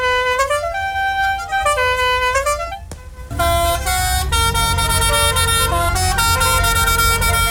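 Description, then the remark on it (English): The horns of five Rust Bucket Rally cars honk together in a long, continuous blare at 2 a.m. as they leave Wellingborough for Scandinavia, with melodic toots and engine rumble underneath; a brief lull midway before the loud honking swells again. “Five cars taking part in the Rust Bucket Rally left Wellingborough this morning for Scandinavia.”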